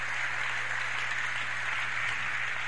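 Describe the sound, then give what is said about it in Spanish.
A church audience applauds the Lord together, a dense, steady wash of many hands clapping that holds at an even, fairly loud level for the whole stretch, with a low electrical hum beneath. “Dale un aplauso a mi Señor en esta hora.”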